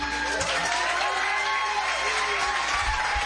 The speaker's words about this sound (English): Could you make a big warm round of applause and make welcome back to the Woodshop stage,